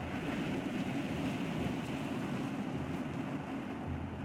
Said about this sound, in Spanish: Las olas se estrellan con fuerza contra los riscos, como si el mar se hiciera cómplice de aquella extraña y sangrienta ceremonia